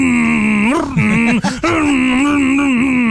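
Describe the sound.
A man vocally imitates a motorcycle engine with a loud, sustained buzzing drone that rises and dips in pitch, briefly revving up in the middle before settling back into a steady hum.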